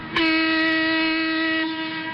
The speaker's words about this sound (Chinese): 伴随着鸣笛声， K815次旅客列车准点驶出银川站